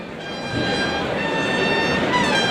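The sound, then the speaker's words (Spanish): Bullring bugle calls ring out in the Maestranza bullring as long, steady brass notes held at an even pitch, sounding over a constant murmur of a large crowd. “Los clarines suenan en la maestranza.”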